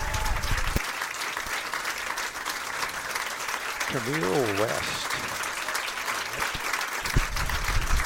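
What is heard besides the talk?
audience applause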